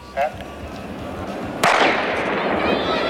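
A single sharp gunshot, fired into the air, cracks out and rings off in a long, echoing tail, preceded by a faint, brief pop a moment earlier against a steady background hiss.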